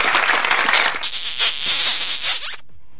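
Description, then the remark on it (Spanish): A burst of applause for the people of Campeche, dense and fairly loud, with many overlapping claps forming a steady crackling wash for about two and a half seconds before cutting off abruptly. No voices are heard. “a toda la familia de Campeche, a todos los campechanos, porque no, aplausos para ellos, que sí también.”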